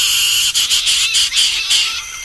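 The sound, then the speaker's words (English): Loud, harsh hyrax screams at night in a forest, a run of rasping shrieking pulses over a dense, hissing high-pitched chorus of night insects, with no talking. “And hyraxes at night, it sounded like there were just people screaming at the top of their lungs in the forest.”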